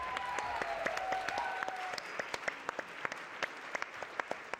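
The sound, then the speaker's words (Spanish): An audience at a preparatory school claps steadily to welcome a science communicator being introduced, dense hand claps blending into a lively wash that thins toward the end, leaving sharper individual claps standing out. A brief whistle-like tone rings over the first couple of seconds. “Denle un aplauso a Martín Bonfil, por favor.”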